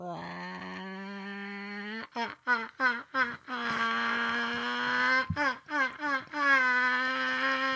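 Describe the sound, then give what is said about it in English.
A person imitates a chicken with their voice: a long, steady, strained vocal tone broken by two runs of quick, choppy clucking bursts, loud and rising in pitch toward the end. “I did my best chicken call, but wasn't so great.”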